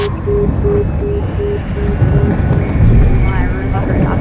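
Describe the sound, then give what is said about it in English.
A helicopter hovers overhead, its loud, steady engine and rotor rumble filling the scene without letup, with an intermittent tone pulsing faintly beneath the roar. “That's scary to have this helicopter hovering around.”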